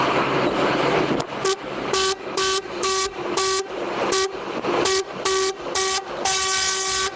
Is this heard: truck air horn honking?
yes